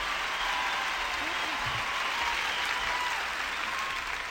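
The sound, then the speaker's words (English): A crowd applauds steadily, a dense wash of many hands clapping at once that holds at an even loudness throughout. “I don't want to wear you out with your applause, so I won't ask you to do nothing else.”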